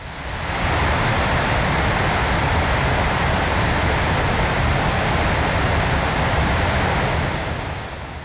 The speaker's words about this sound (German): Regen in den Ox Mountains im County Sligo.